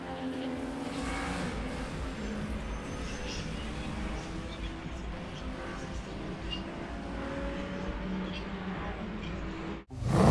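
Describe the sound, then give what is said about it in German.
Race cars roar past on a track, a steady loud engine drone with rising and falling tones as vehicles pass, ending in an abrupt cut. “Wer hört denn den Krach da jeden Tag?”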